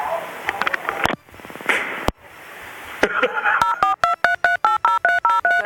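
A quick run of about nine evenly spaced telephone keypad tones, bright and clear, comes after a few seconds of scratchy clicks and muffled noise.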